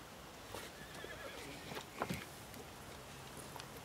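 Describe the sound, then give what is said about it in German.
A horse gives a short whinny amid scattered clip-clopping hoofbeats at an uneven pace, fairly soft and set against a faint hiss of background noise, with no one speaking. “Ich muss den Pferd einfangen.”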